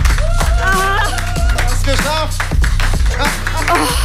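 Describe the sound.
Applause breaks out on Probezeit Extreme for a contestant who has completed task number 2, a steady spatter of hand claps mixed with excited, pitched voices and cheering, loud throughout the few seconds.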